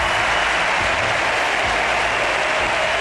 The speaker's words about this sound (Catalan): Aplaudiments al Camp Nou perquè marxa Alexia Putellas, la capitana, doblet que li fa entrega del braçalet a Patrick Guijarro, s'abraça amb la mallorquina. Ovació per Alexia.